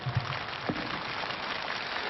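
Dense, steady applause from a stage show audience for performers, a continuous crackling wash of many hands clapping at an even loudness throughout, with no clear voices standing out.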